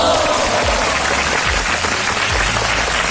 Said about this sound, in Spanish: Se merecen este súper aplauso.